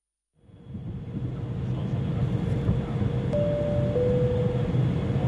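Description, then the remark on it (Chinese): A steady, deep rumble of an airplane cabin as the plane begins its descent swells in after a brief silence and holds constant, with a faint thin tone briefly sounding partway through and no voices. “女士们、先生们，我们的飞机已经开始下降”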